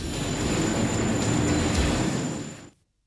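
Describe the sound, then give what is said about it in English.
A train rumbles loudly along the rails for a couple of seconds, a steady heavy roar with a thin high metallic whine over it, then cuts off abruptly. No voices. “Anyway, it's quicker to go by train.”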